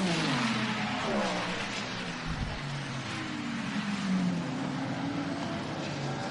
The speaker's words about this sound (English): Oh, huge crowd of cars going across the start-finish line with 3.5 to go.